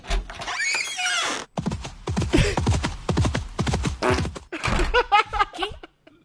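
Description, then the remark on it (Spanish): A horse sound effect played as a door is opened: a loud whinny opens, then a busy run of clattering hoofbeats mixed with rough, blaring fart-like honks and squeals that continue almost to the end. “Agarraron, abrieron la puerta, nosotros dijimos que pase y pusieron el mismo sonido del caballo que entra y se pedorrea en la cámara enfrente del perro y sale corriendo.”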